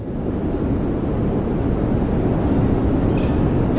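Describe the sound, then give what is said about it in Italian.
A refrigerator hums steadily in the next room, a constant low drone with a rumbling, noisy texture that never changes in level over the few seconds, with no voices over it. “Un frigorifero acceso nella stanza accanto.”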